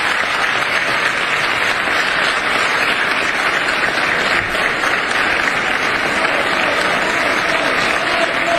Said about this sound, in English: Way too much applause.